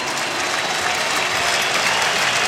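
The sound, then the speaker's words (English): A stadium crowd of more than 40,000 at a New York Yankees baseball game rises to its feet, cheering and applauding pitcher David Bednar in the top of the eighth inning, in a steady, loud wall of sound, the dense roar of clapping and shouting holding constant with no clear voices standing out. “The crowd tonight of better than 40,000 rises to their feet in support of David Bednar, trying to urge him to a third out in the top of the eighth inning.”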